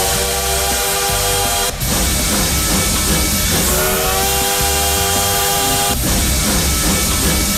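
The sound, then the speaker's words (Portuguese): A loud steam train rumbles while a long, steady whistle sounds over it, wavering briefly and breaking twice. The chugging noise stays constant throughout, and no one speaks. “Bora aquecer os motores aqui do Trem Bala, já chegando por aqui, ó.”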